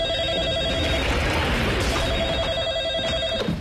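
A telephone rings with a steady electronic trill in two long bursts separated by a short pause, fairly loud over a dense background of noise.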